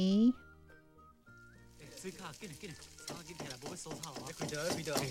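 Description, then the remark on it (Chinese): Hot oil sizzles with a steady, bright hiss that starts after a short pause and continues throughout, along with vegetables being chopped, while people talk over it with music-like tones in the background. “这个叉子嘞，黑的这黑金子嘞，给你还油来这里哈，还有切菜的声音啊。”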